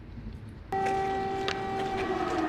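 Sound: air raid sirens wailing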